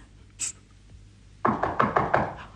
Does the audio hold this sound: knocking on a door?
yes